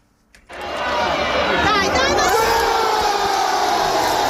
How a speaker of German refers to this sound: Lauter Jubel in der Fankurve beim Tor des FC Como gegen Parma am vergangenen Wochenende.